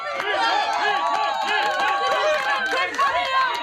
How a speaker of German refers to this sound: Für ein paar Sekunden herrschte absolute Stille. Dann setzte die Menschenmenge zum Beifall an. Jubel, Ruhm, Anerkennung.